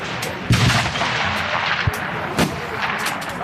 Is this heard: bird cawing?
no